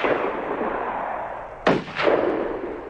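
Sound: gunshot fired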